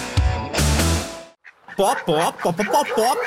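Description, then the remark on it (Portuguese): A voice imitates a chicken in an advertisement for the Galinha Pintadinha film, clucking in a quick run of bouncy, pitch-swooping syllables after a burst of loud, dense sound. Fairly loud, with no clear words. “Traduzindo, chegou o filme da Galinha Pintadinha.”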